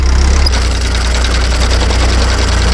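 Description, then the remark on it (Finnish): A tractor engine runs steadily during 1990s hay field raking work, a loud, continuous low rumble with a throbbing, idling pulse and no voices. “Ja tähän päälle se traktoriradio soitti niitä 90-luvun iskelmiä, kuten nyt vaikka tuota edellistä kappaletta.”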